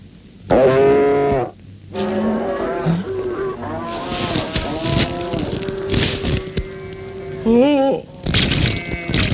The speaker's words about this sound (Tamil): ஐயோ ஐயோ ஐயோ, என்னையா அது? வீடு பூரா மாடு கட்டி வச்சிருக்குது, எவன்டா அவன் கட்டினவன்?